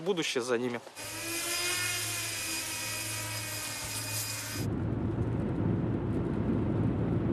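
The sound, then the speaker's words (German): A brief voice, then the loud, steady, high-pitched whirring buzz of the rotors of a work drone being flown, of the kind needed at the front, for several seconds, giving way abruptly to a lower, rougher rumbling noise. “Die Steuerung fühlt sich gewohnt gut an. Es ist eine gute Arbeitsdrohne.”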